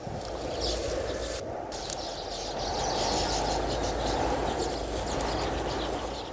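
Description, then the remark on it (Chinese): Birds that have kept their nest chirp and sing in quick, scattered bursts after a strong wind has died down, over a steady, rushing outdoor ambience, the calls fairly faint and mixed into the background noise. “风渐渐平静下来，守住爱巢的鸟儿们快乐地鸣叫歌唱。”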